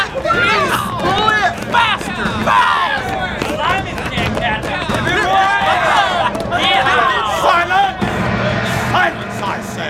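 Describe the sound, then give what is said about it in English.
A crowd of men, prisoners on a ship's deck, cheers and shouts excitedly as they watch a lone prisoner rowing a ship's boat, chased by boats of soldiers and sailors. Many voices overlap in a loud, continuous hubbub with rising whoops and calls, sustained throughout. “Up on the deck, some of the other prisoners were celebrating as they watched a lone prisoner in a ship's boat rowing furiously”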